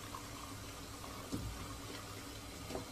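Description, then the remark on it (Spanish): A man making coffee at a stove pours coffee from a coffee pot into a cup. It is a soft, continuous trickle with a couple of faint clinks, fairly quiet, with no one speaking. “Extrae la cafetera de una tetera y lo sirve en una taza que ubica con su mano izquierda.”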